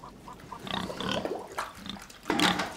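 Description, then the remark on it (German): Pigs kept by a self-sufficient family grunt and snuffle in a steady run of short, rough grunts, ending in a louder, noisier snort. No one speaks. “Mein Papa, der hat noch Schweine, wir sind ein bisschen Selbstversorger,”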